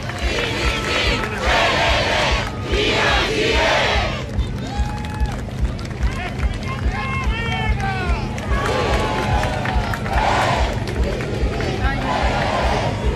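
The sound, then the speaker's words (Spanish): A large crowd at a ceremony in Parque O'Higgins fills the air with steady cheering, scattered shouts and applause, loudest in the first few seconds, over a constant low hum. “Escuchamos aplausos, escuchamos el ambiente hasta ahora en el Parque O'Higgins.”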